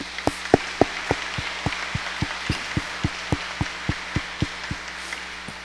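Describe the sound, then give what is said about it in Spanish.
An audience at a church Mass applauds to congratulate all the mothers: a steady hiss of many hands clapping, with a sharp, evenly paced clap ringing out about three or four times a second. No one speaks. “Felicitemos a todas nuestras madres con un fuerte aplauso.”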